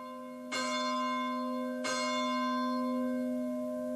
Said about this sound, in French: Et notre prière se poursuit, vous entendez les cloches de l'Angélus.